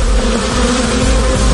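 A dense, steady drone of many Ukrainian honeybees buzzing, loud and continuous with no pauses and no voices.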